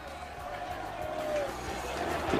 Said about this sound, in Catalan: Canta l'afició del Llevant.